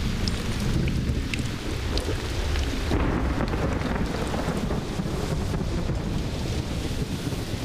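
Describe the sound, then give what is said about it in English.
A heavy thunderstorm with steady pouring rain and rumbling thunder, a loud continuous downpour with gusts of wind buffeting throughout and no voices. “Especially when feeding times are only too frequently interrupted by storms.”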